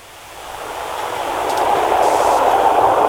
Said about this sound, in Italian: Sentiamo che è un treno lì vicino. Vabbè, dà un po' fastidio, però vabbè, ce la prendiamo anche questa.